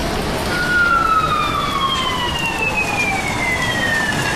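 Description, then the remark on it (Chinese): A police siren wails past, its tone sliding steadily lower as it moves away, over a constant wash of rainy street noise. “刚才听到了警笛”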